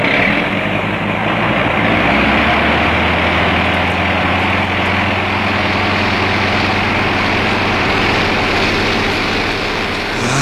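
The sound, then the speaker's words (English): A loud, steady airplane engine roars throughout, a deep droning hum with a rough, straining edge, as a heavily loaded aircraft makes its takeoff roll on wet ground, struggling to leave the ground. No voices. “He'll never get off the ground. It's too wet. Plane's too heavily loaded.”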